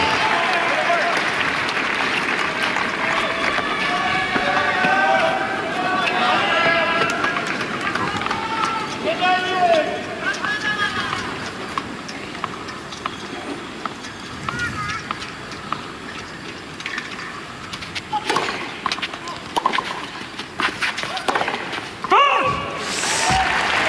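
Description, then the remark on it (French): Sneakers squeak sharply on a tennis court in the wind, a quick run of high chirps as players adjust their footing, with a steady crowd-like wash underneath and a few sharp ball strikes near the end. “Une nouvelle fois, là, on l'a vu, l'effet du vent, on a entendu le bruit des chaussures pour s'ajuster.”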